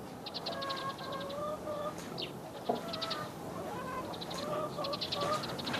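An old hen clucks in short, repeated bursts over a steady background hiss, its calls coming in several clusters at moderate loudness with no voices present.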